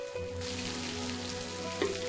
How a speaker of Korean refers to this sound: 갑자기 내린 빗소리도 부처님 말씀으로 들리는 평온한 산사.